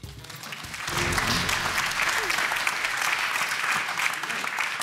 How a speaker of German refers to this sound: Ich wundere, dass geklatscht wird. Das war falsch. Ja, die Leute waren so erstaunt über dieses neu erworbene Wissen.